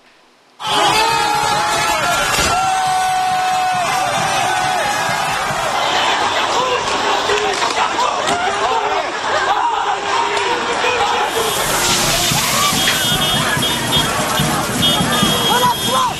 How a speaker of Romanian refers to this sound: Protestatarii s-au încăierat cu forțele de ordine și au vandalizat autobuze.